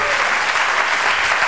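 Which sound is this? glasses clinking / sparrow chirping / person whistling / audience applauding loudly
audience applauding loudly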